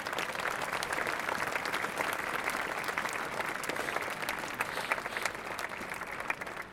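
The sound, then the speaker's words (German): An audience applauds the Bürgerstiftung Reutlingen, a citizens' foundation, steadily: a dense wash of clapping hands that holds at an even level for several seconds with sharp individual claps popping out, and no one speaks. “Bitte ein Applaus für die Bürgerstiftung.”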